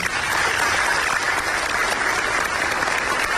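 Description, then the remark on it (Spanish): Steady, dense applause from an audience fills the whole stretch, a continuous crackling wash of many hands clapping at even loudness without a break. “Un fuerte aplauso.”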